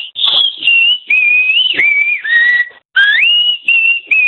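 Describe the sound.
A person whistles a loud, sustained melody with sliding pitch bends, broken by brief pauses into a loosely rhythmic series of phrases, with no talking.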